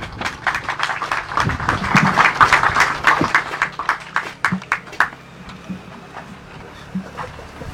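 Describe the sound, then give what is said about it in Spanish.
An audience applauds an engineer invited to read the project report at a road-construction handover ceremony: dense, steady clapping for about five seconds, then thinning to a few scattered claps that fade out. No one speaks. “Vamos a recibirlo con fuertes aplausos.”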